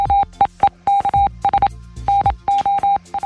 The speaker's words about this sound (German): Ja, früher, als über Funk noch keine Sprache übertragen werden konnte, sondern nur Gepiepse, da nutzten die Funker das sogenannte Morse-Alphabet. Dabei sind jedem Buchstaben kurze und lange Piepser zugeordnet. Und anhören tut sich das Morsen so.